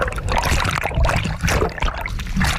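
Loud splashing and churning water as someone plunges into the sea to go underwater, a dense continuous rush with a few sharper splashes, no voices.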